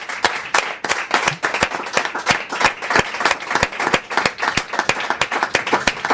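An audience applauds steadily for about six seconds, a dense crackle of many hands clapping at an even, sustained loudness with sharp individual claps standing out.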